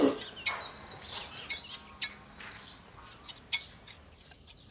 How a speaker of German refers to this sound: Ich habe immer das grausam vorgestellt, mit so einer Schere, so einer Lama- oder Alpaka-Scheren.